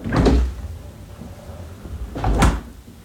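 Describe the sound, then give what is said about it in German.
A refrigerator door opens with a short thump and rattle, then shuts about two seconds later with a similar knock, a low faint hum filling the gap between the two sounds. “Pass auf, jeder von uns hat einen Kühlschrank zu Hause.”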